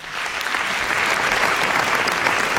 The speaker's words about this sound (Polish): Więc zacznijmy od tego, że brawa dla państwa.